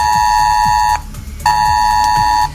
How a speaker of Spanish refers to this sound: Así que felices de poder contar buenas noticias en un día en el que las alertas han vuelto a sonar en los teléfonos de la región de Murcia.